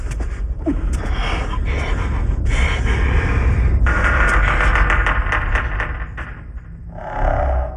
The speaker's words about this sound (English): Okay, so you can hear something is happening, labored breathing, tense scoring, but you're left listening for clues, trying to assemble a picture in your mind from the fragments.